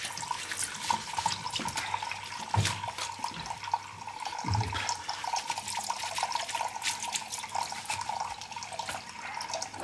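Water runs steadily from a tap into a water bath, a continuous rushing and splashing that holds at an even level for the whole stretch, with no voices.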